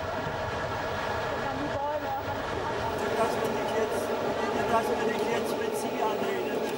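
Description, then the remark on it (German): A steam train rolls along at full steam through the Pfalz near Frankenstein with a steady, dense rumble and a continuous roar of mechanical noise, with faint metallic squeals and rattles riding over it throughout. “Mit Volldampf geht's durch die Pfalz, hier bei Frankenstein.”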